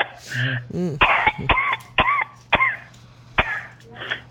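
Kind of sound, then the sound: human body sound, coughing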